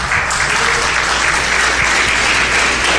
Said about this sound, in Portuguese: Se essas palmas é para Jesus, tem que ser as palmas mais bonitas, mais avivadas.